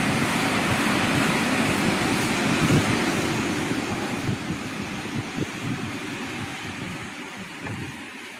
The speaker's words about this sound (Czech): Pro vaši představu, takhle prší v Novosibirsku.